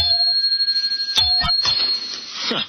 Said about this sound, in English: Some desk bell. Falls to pieces when you touch it.